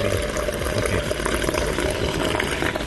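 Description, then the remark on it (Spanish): A steady stream of hot water pours for a few seconds, a continuous rushing and splashing with no pauses and no voices. “Con agua calentita.”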